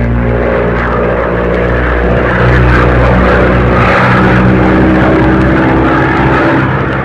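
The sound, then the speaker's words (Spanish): A small propeller plane drones loudly and steadily as it flies through a storm among black clouds, its engine hum wavering as hurricane-force wind roars, strikes its sides and shakes it, with no voices. “El viento huracanado se estrellaba contra los flancos de la avioneta, cimbrándola como si fuera a partirla en dos.”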